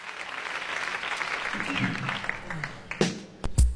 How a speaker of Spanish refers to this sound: Ahí está, ¿eh? Nos aplaudieron porque entramos al aire.